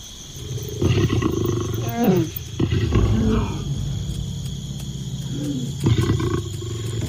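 Lions roar and growl in several rough, low bursts with groaning, falling moans between them, over a steady high insect-like whine.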